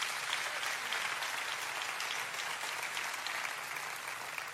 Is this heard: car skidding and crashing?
no